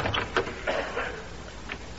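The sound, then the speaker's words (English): A door slams shut with one loud, sharp bang at the very end, after a stretch of quiet background shuffling and faint noise. “That sounds like Jimmy now. Yeah, closing the door with a sledgehammer.”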